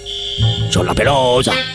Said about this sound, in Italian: mandiamo il segnale d'allarme per favore per la signora.